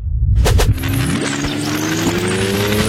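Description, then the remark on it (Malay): A bus engine rumbles loudly after a short hiss, its drone holding steady and rising slightly in pitch as it pulls off. No one speaks. “Tunggu hingga bas pergi.”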